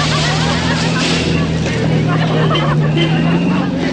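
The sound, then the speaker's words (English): A car drives up a slushy mountain road, following a horse-drawn sleigh. Its engine holds a steady low drone beneath a constant wet hiss of tyres, fairly loud throughout. “He follows up the slushy mountain road.”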